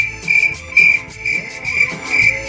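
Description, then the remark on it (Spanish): Crickets chirp steadily in a shrill, continuous trill that pulses in a quick regular rhythm, clear, with a faint low rumble underneath and no voices. “Que nomás los grillos y las personas que tenemos que sacar adelante la empresa estamos despiertos.”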